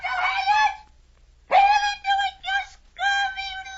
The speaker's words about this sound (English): Tell us what the bird says, Captain.